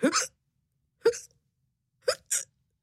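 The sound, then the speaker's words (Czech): Four sharp, fairly loud hiccups from a cat lying under a table in a laboratory, with pauses between the first few and the last two coming in quick succession; the hiccups seem voiced, like a person imitating a cat hiccuping. “Podíval se pod stůl, kde ležela jeho kočka a škytala.”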